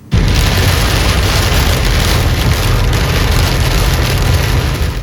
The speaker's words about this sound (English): Some people are waking up in the dark this morning after heavy rain hit the Miami Valley yesterday. This video is from Miami Township. You can see the windshield wipers on this car going nonstop as the rain comes down.